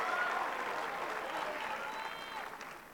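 A large tennis crowd applauds and cheers steadily for British player Toby Samuel, dense clapping filling the whole stretch with a few raised voices and whistles rising above it, fading slightly toward the end.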